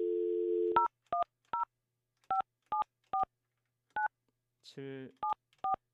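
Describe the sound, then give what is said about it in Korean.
A steady phone dial tone gives way to a string of about ten short touch-tone keypad beeps, pressed at an uneven pace, with a brief buzzy burst near the end, all clear, as a call is placed to an ordinary phone line during a live broadcast. “제가 직접 전화하고 있어요.”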